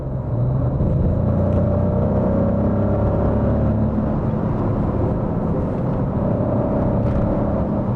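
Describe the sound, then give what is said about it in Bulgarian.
A Maserati V6 Nettuno sports car engine drones steadily and loudly, a deep rumble with layered tonal harmonics that shift slightly in pitch, with no speech over it. “И като звук, и като динамика, този двигател напълно съответства, ако не и засенчва, митичния V8, който Maserati използваше в предишните десетилетия.”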